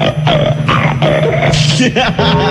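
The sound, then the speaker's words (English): A caller on the WNBC Time Machine radio show imitates a pig, making a loud run of nasal, grunting oinks in quick succession that fill the whole stretch with little pause between them. “Let me hear you oink like a Canadian bacon.”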